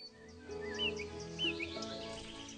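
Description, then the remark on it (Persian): Several songbirds trill and chirp in short, bright phrases in a forest, overlapping softly against a low, steady background hum of an open woodland. The sound is fairly quiet. The birds are among young and medium-height trees. “بالاتر از روی زمین، بالای درختان جوان و متوسط یک فضای دیگر وجود دارد و این مناطق نیز برای اکثر از پرندگان آوازخوان بسیار مناسب می باشد که چند متر بالاتر از سطح زمین برای خود لانه می سازند.”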